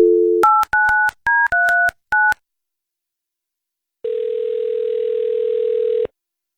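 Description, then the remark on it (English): A brief dial tone gives way to a quick run of about seven touch-tone keypad beeps, then a pause and one long, steady ringing tone on the line as a radio show phones a man's wife. No one speaks. “Let's get your wife on the phone.”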